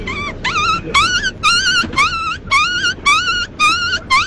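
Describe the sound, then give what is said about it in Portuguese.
A person's voice imitates a dog yelping in pain after being hit by a stone, a quick series of about eight sharp, high, rising yips in rapid rhythm, loud, with no words spoken. “Dessa vez é um cachorro quando leva uma pedrada.”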